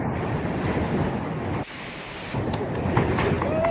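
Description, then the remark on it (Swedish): Loud, steady wind buffeting a phone microphone on windy Hönö in the archipelago, with the phone lying in a rock crevice. A dense low roar and rumble briefly drops and softens mid-clip before surging back. No one speaks. “Jag har mest blåst.”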